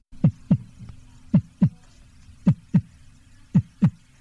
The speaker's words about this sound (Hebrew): או פעימות הלב שלנו.